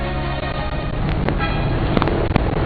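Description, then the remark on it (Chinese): Steady outdoor traffic noise in the early morning at the Youyang Wulingshan agricultural wholesale center, with many trucks driving in and out, bringing fruit and vegetables from across the country; engines idle and roll past, a dense low rumble throughout, punctuated by a few short vehicle horn toots near the end. “那么我们现在是在酉阳武陵山农批中心，那么一大早我们就来到这里，这里有无数的卡车进进出出，带来了全国的果蔬，十分的热闹。”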